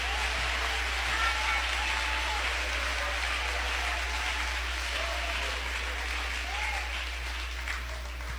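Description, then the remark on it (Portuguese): An audience claps steadily for several seconds to glorify Jesus, a dense, continuous wash of many hands at a fairly even loudness, with faint voices calling out underneath. “Isto, toma o seu assento, você que está em pé, desocupem as mãos, batam palmas e glorifiquem a Jesus.”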